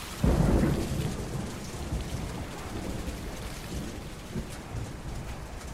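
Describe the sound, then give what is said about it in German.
A violent storm over a market square: a deep rumble of thunder swells early on, then steady driving rain pours down and water rushes over the market, over a low, continuous roar with no voices. “Der Sturm wird immer heftiger. Das Wasser schießt über den neuen Markt.”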